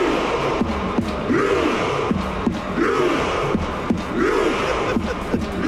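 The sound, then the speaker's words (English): A huge stadium crowd of about 50,000 fans chants one drawn-out, rising-and-falling syllable like "row" in a Norwegian tone, in unison, repeating roughly every second and a half, with steady drum beats marking time beneath the loud, dense roar. “It's 50,000 people rowing.”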